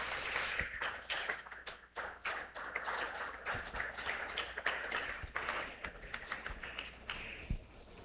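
People at a church service clap steadily for several seconds to congratulate an altar boy on his birthday, a dense patter of many hands at moderate volume with no voices, the applause holding fairly even before thinning slightly at the end.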